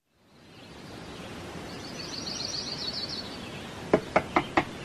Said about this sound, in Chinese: 第二天清晨，急促的敲门声打断了廖运周的美梦。